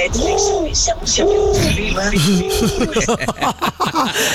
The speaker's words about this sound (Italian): Ma scusami, è qualcuno che imita un piccione o è un piccione in ascolto?